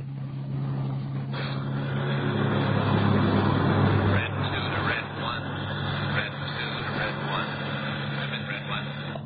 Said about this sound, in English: Marchand and I went out to his garage and got in the car. He drove out Sunset Boulevard, the Pacific Coast Highway, and turned right. We drove for about 40 minutes.